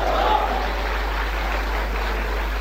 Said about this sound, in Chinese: 通过掌声你就看得出来，大伙儿是愿意听。